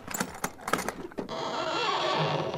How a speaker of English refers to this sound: Oh, those creaking hinges give me the shivers. Aw, they just need a little oil.